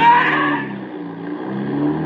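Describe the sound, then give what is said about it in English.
A car engine roars steadily for about two seconds as the car accelerates away, a deep droning hum with a harsher, brighter edge at the start that eases into a lower, sustained rumble. No one speaks. “As soon as he opens it, I step on the gas.”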